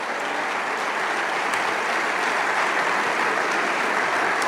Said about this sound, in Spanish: Vamos, dale ese aplauso. Oh, esta es una mañana de gloria aquí.